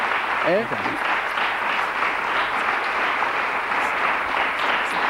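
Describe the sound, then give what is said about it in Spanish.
A large crowd gives a big ovation for a portrait painter, applauding loudly and steadily, a dense wash of clapping that holds for about five seconds, with a brief rising cheer from a voice near the start. “Mira, fíjate la ovación gorda.”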